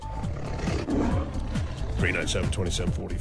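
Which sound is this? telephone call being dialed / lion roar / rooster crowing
lion roar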